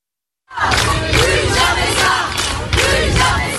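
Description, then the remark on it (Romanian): A large crowd of protesters in France, where over 60,000 people protested across the country, shouts together after a short silence, a dense, loud roar of many voices with rhythmic surges of chanting rising and falling every second or so. “Aseară peste 60.000 de oameni au protestat în toată țara față de eșecul poliției și justiției din Franța pentru a-i proteja pe minori sau de a-i ajuta când acuză niște abuzuri comise de adulți.”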